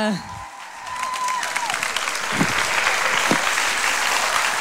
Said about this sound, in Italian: Più forte, più forte, più forte, più forte! Un grandissimo applauso! La stiamo intravedendo dietro alle quinte che sta arrivando e anche lei ha bisogno del vostro calore.